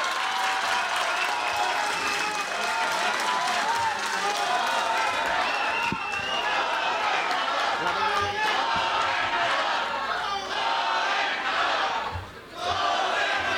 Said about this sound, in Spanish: Y bueno, pues para dar inicio en esta tarde con esta tercera Expoferia Agropecuaria del Progreso Pinos en su edición 2026, me permito presentar nuevamente al licenciado David Monreal Ávila, gobernador del estado de Zacatecas. ¡Fuerte el aplauso!